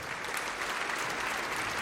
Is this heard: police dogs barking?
no